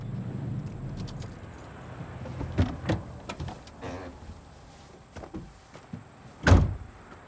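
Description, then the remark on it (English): A pickup truck door clicks open with a few scrapes and rattles as a man climbs out, then is slammed shut with a loud, heavy thud near the end, set against a low engine idle outdoors in a gravel clearing beside an out-of-town restaurant near a river bridge. “Senior backs the truck up and Ellis climbs out.”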